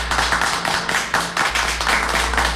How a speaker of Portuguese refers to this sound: Ai, dá os aplausos pra ele, os aplausos.